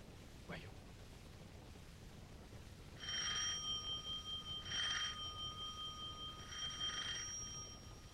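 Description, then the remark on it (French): A doorbell at a door under a carriage entrance on rue Bergère rings three times in an evenly spaced series, each ring a bright, sustained metallic tone, clear against a steady low background hiss. “Trois coups de sonnette, on ouvrira.”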